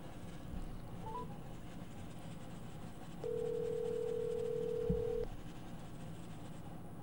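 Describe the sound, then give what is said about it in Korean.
A phone line rings out once as a Radio Seoul host places a call for a live interview: a steady, pure electronic ringback tone holds for about two seconds over a quiet line hiss, with no one speaking. “현장 상황을 예정이 없던 인터뷰인데 제가 전화로 지금 연결을 좀 해보겠습니다.”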